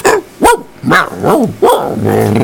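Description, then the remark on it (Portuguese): A dog barks several times in quick succession, loud, the last bark stretching into a drawn-out, growly howl. “O Dia Internacional da Igualdade Feminina e Dia Mundial do Cachorro. Quem tem um cachorro aí?”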